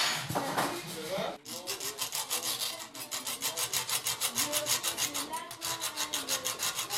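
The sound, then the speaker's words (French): A hacksaw rasps through metal in quick, steady back-and-forth strokes, cutting metal to salvage a wheel axle, loud, with a brief pause after the first scraping second before the rhythmic cutting resumes. “Là, je suis en train de couper du métal pour essayer de récupérer un axe de roue.”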